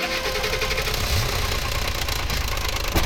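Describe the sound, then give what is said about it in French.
A car engine runs roughly at idle, a loud, steady rumbling clatter that fills the whole clip, with no voices. “Et c'est quoi ce bruit ? C'est le moteur de la voiture de ton papa.”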